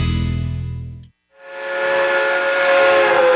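A steam train whistle blows loud, cuts off briefly, then sounds again with a long shrill tone over heavy hissing steam.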